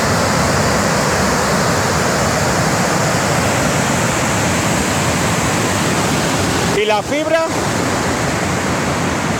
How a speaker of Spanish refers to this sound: Es el sonido del vídeo grabado por un vecino de la zona. En las imágenes se ve cómo el agua atraviesa toda la carretera y cae en forma de cascada, obligando a cortar la circulación tras arrastrar árboles, maleza y demás vegetación